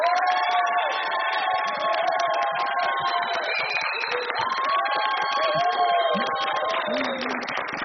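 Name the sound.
audience applauding and cheering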